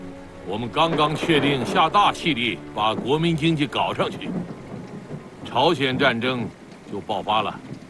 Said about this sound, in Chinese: 好响 的雷声啊！ 是啊。 这声雷，就是预示着我们将来的行动，是一定会惊天动地的。